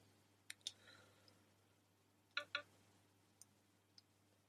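Small plastic clicks as a SIM ejector key is pushed into the hole on the right side of a phone held screen up, to release the SIM card tray: a quick double click, a pause, another double click, then a couple of faint ticks. Low hum underneath.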